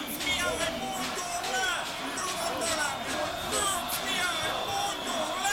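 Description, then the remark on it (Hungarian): A large crowd of protesting pig-affairs trade union activists fills the street demanding the resignation of Pörc Mihály, a dense, continuous roar of overlapping voices and shrill cries, steady and fairly loud throughout with no single speaker standing out. “Mint ti is halljátok, hatalmas itt a hátam mögött a tömeg, kivonultak az utcákra a malacügyi szakszervezet aktivistái, és követelik Pörc Mihály lemondását.”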